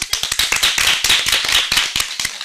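A crowd claps steadily and loudly for a couple of seconds after a Hariyali song was sung at a children's programme, many hands overlapping into dense, crackling applause with sharper individual claps standing out. No one speaks.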